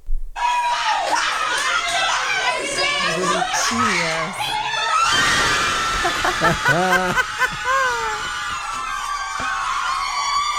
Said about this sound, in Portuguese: Nossa produtora Laura Cruz separou um vídeo de umas freiras comemorando o segundo gol da seleção brasileira. Vamos acompanhar aqui essa torcida para a nossa seleção.